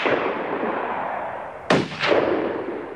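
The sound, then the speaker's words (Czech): Two sharp gunshots crack out about a third of a second apart, each with a quick booming decay, over a steady background rush; no one speaks. Friday fires the shots at a boat in which the surviving savages are trying to escape. “Pátku, pal na ten člun!”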